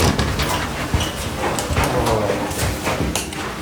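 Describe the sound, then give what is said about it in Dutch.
The door to one of the rooms being opened after walking through a corridor, with a few soft clunks and thuds from the handle and frame, over a steady, busy background rumble of movement. “We lopen naar een van de kamers toe, door de gang heen, de deur open.”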